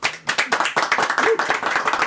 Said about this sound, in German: Das hört man am Klatschen. Das ist ein Abi-Jahrgang aus dem Jahr.